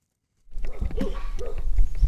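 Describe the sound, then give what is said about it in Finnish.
A Karelian Bear Dog barks a couple of times at people arriving at a boatbuilder's workshop in Sulkava, Finland. The barks are short sharp calls over a steady outdoor rumble of wind and movement, with no one speaking. “Tässä tapahtuu niin, että meidät haukutaan heti, kun me päästään paikalle.”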